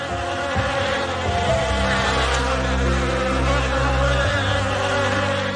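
A dense, steady buzzing of many Chinese honeybees in Shennongjia, a mountainous national nature reserve in China where they are kept by traditional beekeeping, fills the scene, a loud, continuous drone with layered humming tones and no speech.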